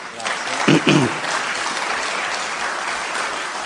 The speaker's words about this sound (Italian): Facciamoci e fatevi un applauso.